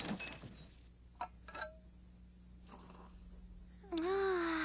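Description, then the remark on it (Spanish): Crickets chirp in a thin, steady high drone throughout, fairly faint, with a few brief knocks midway and a louder wavering tone rising near the end. “Solo nosotros y el ruido de los grillos.”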